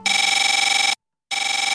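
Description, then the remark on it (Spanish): An old cellphone ringtone rings loudly, a harsh buzzing electronic trill that sounds for about a second, stops briefly, then starts again. No voices. “¿Tu celular todavía suena así?”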